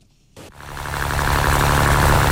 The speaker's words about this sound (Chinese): 早上7点，暖阳轻洒，海面波光粼粼。三亚崖州中心渔港内，马达声响起。